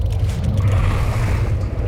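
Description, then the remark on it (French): A steady, heavy low rumble of an approaching fishing boat's engine at sea, continuous and fairly loud, with a faint wash of water and wind above it and no voices. “Ah non ! Un bateau de pêche !”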